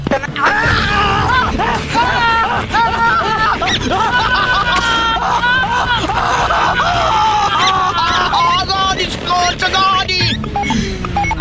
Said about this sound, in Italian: Ma che stai a urlare? Se stai a urlare non puoi essere Trota Bocchinara.